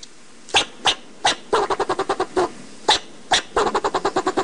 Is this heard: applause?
no